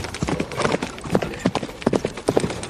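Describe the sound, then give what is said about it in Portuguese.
Horse hooves clip-clop in a steady, uneven rhythm, growing as the horse arrives carrying a rider, with sharp repeated knocks over a faint background. “Isso, apeio do cavalo. Bota o bichinho aí na frente.”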